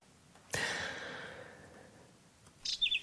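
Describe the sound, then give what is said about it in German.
A soft breathy whoosh swells and fades, then a quick series of four or five high, thin whinchat chirps sounds near the end, with no talking. “Braunkehlchen zwitschern, Störche kreisen am Himmel, Biberbauten sind zu sehen.”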